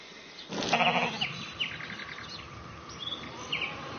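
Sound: sheep bleating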